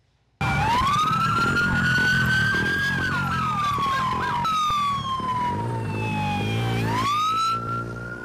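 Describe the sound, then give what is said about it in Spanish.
LAPD patrol car sirens wail loudly during a chase of a motorcyclist suspected of riding a stolen motorcycle in Los Angeles, rising and falling in long sweeping tones with a faster yelping burst in the middle, over a steady rumble of engines and traffic. “Patrullas del LAPD seguían a un motociclista sospechoso de conducir una moto robada.”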